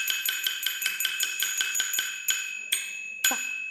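A small brass bowl, the wanwan, the core percussion instrument of Wanwanqiang opera, is struck in a quick rhythmic run of bright, ringing metallic strikes, then slows to a few spaced hits that ring out longer, clear with no talking.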